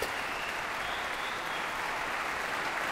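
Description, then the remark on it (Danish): Sustained standing-ovation applause from a large concert audience for pianist Lang Lang after he played Rachmaninoff's Piano Concerto No. 2 in C minor. People stand and clap in a dense, steady wash of many hands at an even loudness, with no pauses or voices standing out. “Der bliver klappet og klappet og klappet. Og folk bliver stående op og klapper.”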